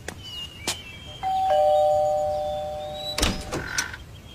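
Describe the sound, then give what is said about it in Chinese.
A doorbell at the door of No. 126 Park Lane, pressed on arrival, chimes a clear two-note ding-dong whose tones ring out and slowly fade, with a few sharp clicks and knocks before and after. No one speaks. “抵达后按响门铃，好吧，那就按呗。”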